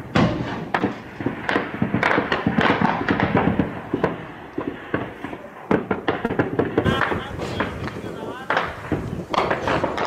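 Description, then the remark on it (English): Rapid, irregular gunfire cracks and pops throughout, some sharp, others softer, with occasional heavier thuds and indistinct voices in the background, as fighters climb a mountain to overrun a Saudi hilltop base in face-to-face combat. “Here comes the gunfire.”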